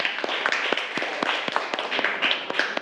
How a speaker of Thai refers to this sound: ปรบมือให้เพื่อนก่อนนะคะเก่งมาก